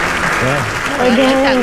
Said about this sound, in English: Again. That loud applause for me. Thank you.